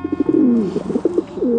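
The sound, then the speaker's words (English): A pigeon coos in a soft, throaty series of rolling, warbling notes that rise and fall over a second and a half, with no one talking. “It's hard to think of a more lowly regarded bird than the pigeon.”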